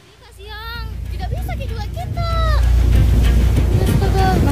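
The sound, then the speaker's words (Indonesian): Ocean waves roar steadily and swell louder partway through, heavy rushing surf crashing against a seaside cliff at the Apalarang tourist area, Bulukumba Regency, South Sulawesi, Indonesia, while voices call out over the crashing water. “Sedang berfoto di tebing pinggir laut, seorang remaja perempuan terjatuh akibat terhempas ombak di laut di kawasan wisata Apalarang, Kabupaten Bulukumba.”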